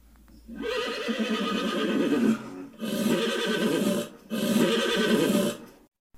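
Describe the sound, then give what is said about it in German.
Startled horses that have broken loose whinny loudly and urgently in three long, harmonic bursts separated by short pauses, the agitated neighs strong, with no voices present. “Schnell rannten sie los und versuchten, ihre Pferde zu beruhigen.”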